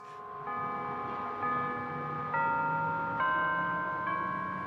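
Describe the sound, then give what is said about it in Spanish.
Church bells of the Arlington Street church ring out the hymn melody We Shall Overcome, each new note struck roughly every second and layering over the lingering hum of the previous ones, resonant, with no voices. “Al acercarnos, las campanas tocaban We Shall Overcome.”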